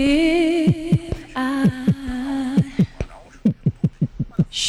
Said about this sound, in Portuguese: Que é isso? O coração?